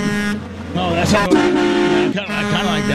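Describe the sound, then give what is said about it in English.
A loud truck horn blares in long sustained blasts with a rich, brassy tone, briefly cutting out near the end before sounding again. “Oh, that's I kind of like that one. Like a truck's here. Coming through the studio, and we're getting ready to get smashed.”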